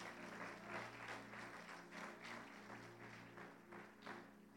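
Steady applause from a crowd giving applause to God, dense rapid clapping that swells in a few waves over a low continuous hum, with no voices standing out.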